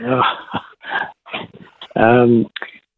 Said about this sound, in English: There you go. That's what we wanted to hear. We wanted to hear some barking dogs in the background.